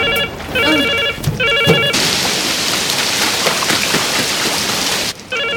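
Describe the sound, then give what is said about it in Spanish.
A telephone rings in short repeated electronic bursts, then a loud rushing hiss like heavy rain takes over before the ringing briefly returns at the end. “¿Podría por lo menos contestar el teléfono?”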